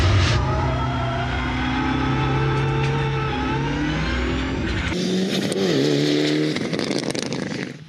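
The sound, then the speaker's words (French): A high-torque car engine accelerates on a race track, loud, with a steady climbing drone, an abrupt gear shift partway through, then revs rising again before easing off, revving to at most 5,500 to 6,000 rpm. No one speaks. “Le moteur a beaucoup de couple, c'est assez incroyable.”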